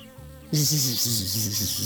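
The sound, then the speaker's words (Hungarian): A bee buzzes loudly and steadily after a quieter low hum, its droning tone wavering slightly in pitch with a bright, rough edge. “Én nem vagyok olyan álomszuszék, mint a többi, döngécselte a hullatag virágbokroknak.”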